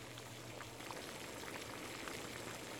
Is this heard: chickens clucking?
no